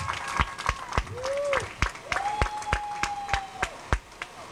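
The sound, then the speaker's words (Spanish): A crowd at the opening of a Pizza Hut restaurant in Chetumal applauds with sharp, steady claps, and sustained whistles rise and hold over the clapping. “¡Fuerte los aplausos!”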